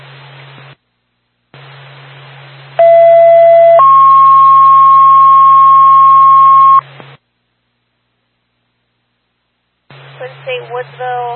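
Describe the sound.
Woodsville Fire Department dispatch alert tones over a hissing radio channel, calling a fire alarm activation on Highland Street in Woodsville: a loud, short steady tone jumps to a longer, higher sustained tone, then cuts off, and a voice starts talking afterward.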